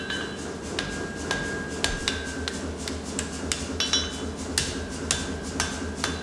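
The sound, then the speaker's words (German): A blacksmith hammers folded iron back together while making knife material, sharp metallic blows landing about twice a second with a lingering ringing tone, over a steady low rumble and no talking. “An der Bruchkante schlägt der Schmied das Eisen um und dann fügt er es mit dem Hammer wieder zusammen.”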